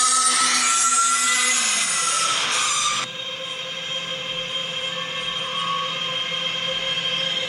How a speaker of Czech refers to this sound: A ten zvuk teda není vůbec, ale vůbec příjemný. Já tady mám jedno datacentrum z Massachusetts a z Ameriky. A ten zvuk já vám pustím tak jako z mobilu, abyste měli jen tak jako zhruba představu, jo? Jak to zní?